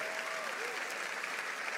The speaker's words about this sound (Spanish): Vamos, si le vas a aplaudir, hazlo fuerte.